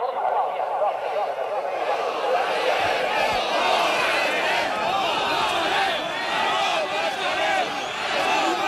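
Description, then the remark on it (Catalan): A large crowd of protesting farmers and livestock breeders shouting continuously at recent demonstrations across the country, many voices overlapping into a dense, steady roar with rising and falling chants, loud throughout with no pauses. “Els crits que sentiu són de les últimes manifestacions que pagesos i ramaders han protagonitzat arreu del país per protestar contra el menysteniment que, segons denuncien, continua arrossegant el sector,”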